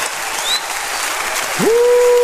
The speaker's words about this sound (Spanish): Póngase de pie y apláudale a su rey. Apláudale a su Señor. ¡Oh, con gritos de gozo y alegría llegue!